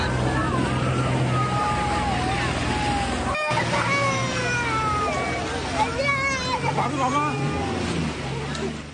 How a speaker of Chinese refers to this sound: 收到消息后，附近的消防舟艇、摩托艇一齐向孩子的方向飞驰而去。